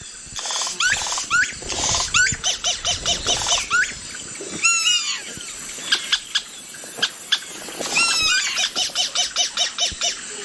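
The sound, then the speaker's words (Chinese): A yellow-rumped cacique sings a varied song of liquid whistles, rising sweeps, sharp clicks and rattling notes in quick bursts, with mimicked calls woven in and no voices; this bird has a wide vocal range and can mimic other animals such as monkeys and harpy eagles, even man-made sounds. “在同一地区还有黄腰酋长鹂，它们的音域很广，它可以模仿其他动物，比如猴子、角雕，甚至是人造的声音。”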